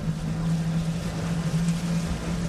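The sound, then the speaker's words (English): A motorboat engine drones steadily on a boat trip from Munda to the calmer waters between nearby islands, a constant low hum over a wash of water and wind noise, with no voices. “As soon as we get to Munda, our local reporting partner Dorothy helps us line up our first boat trip to the calmer waters between those islands we could see from the shore.”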